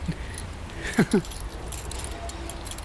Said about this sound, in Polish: Ale ma pani dużo kluczy, to są wszystkie od działki? Tak, to bo mam ubikacja, tam schowek, nie? Od furtki pewnie, od bramy? Od furtki i bramy, no. Działkowy klucz, no. I zawsze przy sobie? Zawsze przy sobie, ja mam zawsze swoje, a mąż ma swoje.